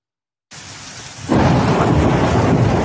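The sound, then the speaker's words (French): After a moment of silence, thunder rumbles over a steady pelting of hail in the Ardèche, with hailstones several centimetres in diameter; then the storm swells abruptly into a loud, dense roar that continues to the end. No voices. “Au grondement du tonnerre s'ajoute un déluge de grêlons.”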